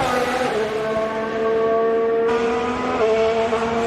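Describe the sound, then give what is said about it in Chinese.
High-revving racing car engines scream continuously as several cars begin their flying laps, their harmonic whine stepping abruptly in pitch as gears shift, loud and steady throughout with no voices. “我们现在来看一下后续的这几台赛车，他们现在开始他们的飞驰圈了。”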